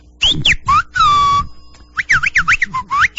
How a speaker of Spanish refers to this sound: Saluditos al silbidito. Ah, bueno, entonces ya entre silbidos se comunican ustedes, ya se entienden, sí, entre silbidos.